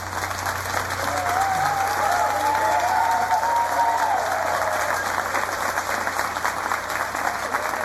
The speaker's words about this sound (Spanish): La directora del coro Calamuchita de Bonville, que está recibiendo el aplauso de todo el público, porque la verdad que ha hecho un trabajo estupendo.